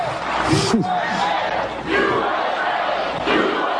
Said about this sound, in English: President Trump and the country getting an enthusiastic reception from a very happy crowd.